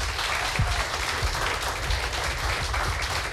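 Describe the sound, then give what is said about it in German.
Steady audience applause for three performers who have read their texts on stage, a dense wash of many hands clapping at an even loudness throughout, with no voices standing out above it. “Applaus bitte noch einmal für alle drei.”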